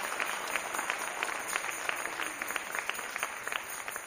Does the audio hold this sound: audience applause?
yes